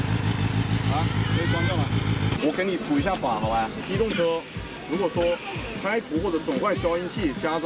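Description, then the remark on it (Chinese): A modified vehicle exhaust idles without throttle, started on the spot at police request to demonstrate its exhaust noise. It gives a loud, steady, throbbing rumble for about two seconds. Then a man starts talking, the engine fainter beneath his voice. “你在未拧动油门的情况下，排气的声音都到这个程度了，你觉得夜晚驾驶这辆车出来会不会造成扰民的影响？”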